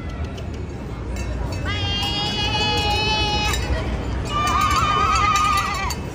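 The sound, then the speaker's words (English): Two long, wavering bleats from men and women dressed as sheep imitating sheep, one after the other, rising above a steady murmur of crowd chatter outdoors at the Sydney Opera House. “These human sheep, I don't know what was going on, but I see on my TikTok a bunch of men and women dressed as sheep just running around the Sydney Opera House.”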